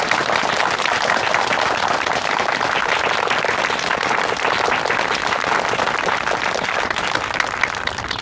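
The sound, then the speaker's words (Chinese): Sustained applause from a large crowd of teachers and students at a school, welcoming the president of Jinan Bank to speak. Dense, steady clapping holds at an even loudness for several seconds with no voices breaking through. “下面我们以热烈的掌声欢迎高行长为我们大家讲话。”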